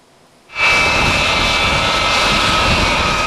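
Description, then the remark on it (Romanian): After a brief hush, the jet engines of a NATO AWACS surveillance aircraft at Liepāja Air Base in Latvia burst in, a loud, steady roar with a thin high whine running through it, continuing without any talking. “It's the first time that the NATO AWACS has landed at Liepāja Air Base in Latvia.”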